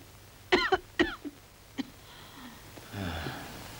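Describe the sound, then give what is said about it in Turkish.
A patient coughing hard on a doctor's request during a medical exam: two quick hacking coughs, a third right after, then a lighter cough, followed by a low, rough, wheezy breath. “Peki, şimdi sıkıca öksürün.”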